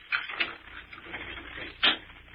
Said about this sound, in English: All right, wait a minute. I gotta unlock the door.